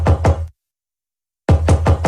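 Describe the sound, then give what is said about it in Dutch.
Loud knocking on a front door: two solid raps, a second of silence, then a quicker run of four more thuds. No voices accompany the knocks. “En je hoort dit vanuit je voordeur komen.”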